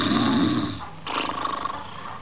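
A large old dog snores in its sleep, fairly loud: one raspy drawn-out breath, a short pause, then a rattling, fluttering snore on the next breath.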